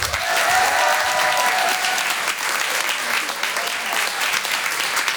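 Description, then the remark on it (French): Loud, sustained audience applause at a theatre comedy show, welcoming the comedian Brahms on stage: dense, steady clapping from a large crowd that continues evenly for the full five seconds, with a faint tonal whistle or cheer early on. “Merci d'applaudir très fort Monsieur Brahms.”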